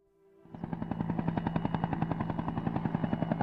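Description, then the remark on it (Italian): A helicopter sound effect in a board game advert: the rotor chops in a rapid, steady rhythm with a low droning hum, starting abruptly after a brief hush and staying loud throughout, with no voices. “Petrolio, divertiti con elicotteri e bombardieri scatenati, truppe speciali.”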